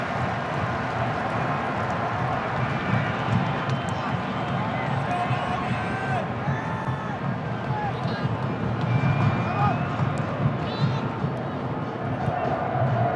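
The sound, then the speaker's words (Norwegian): A stadium crowd at a match roars steadily, trying to fire up the players, a dense wall of many voices cheering and chanting, with a few brief whistle-like rising tones cutting through the constant din. “Publikum prøver I hvert fall å gire opp.”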